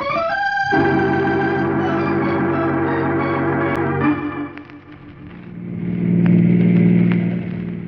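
A car engine hums steadily, then dips briefly before rising again in a low, throaty rumble as the car is driven, with no talking.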